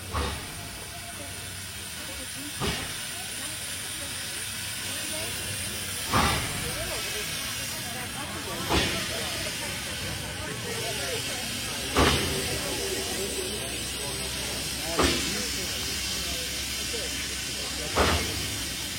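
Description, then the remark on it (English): The old steam train from Durango, Colorado, to Silverton hisses steadily, with loud whooshing bursts of steam venting at regular intervals, roughly every two to three seconds. “The idea was to take a Durango, Colorado, the old train to Silverton.”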